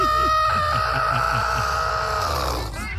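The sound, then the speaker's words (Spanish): A person imitates a chicken being strangled, as when a chicken's neck is grabbed: one long, strained, squawking screech held for nearly three seconds, loud, with a rough gurgling rasp underneath before it breaks off. “Como cuando le agarran el pescuezo a la gallina.”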